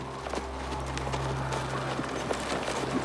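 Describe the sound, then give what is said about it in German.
Horses' hooves clip-clop in a steady, fairly quick rhythm over a low continuous hum, the sharp knocks repeating evenly at moderate volume with no voices. “Du, bewach die Pferde.”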